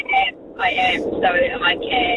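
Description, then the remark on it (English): A steady, low road rumble from inside a car being driven runs throughout, with a thin, tinny voice talking over a hands-free phone call in short bursts. “You sound like you're on an airplane. Are you?”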